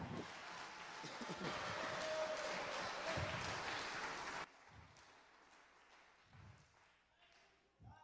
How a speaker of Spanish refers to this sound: Era un aplauso a Jesucristo.